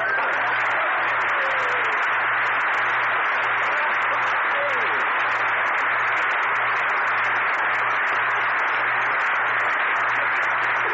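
A crowd on the street applauds steadily, a dense, even wash of clapping that holds for about eleven seconds, with a faint low rhythmic pulse running underneath.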